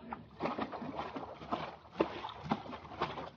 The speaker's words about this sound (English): Here, we'll put him in the Bendix washer. All right, here goes. I'll throw the switch.